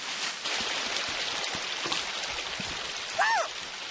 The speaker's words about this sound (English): Wow, it's a little stream of water. What a pretty sound. Yeah, that sounds very relaxing.